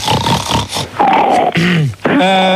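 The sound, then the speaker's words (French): Loud, harsh sniffing and snorting in quick rough bursts, followed by a few throaty, grunting tones that slide downward in pitch. No one speaks. “Voilà, mais c'est qui là qui renifle comme un bouc là?”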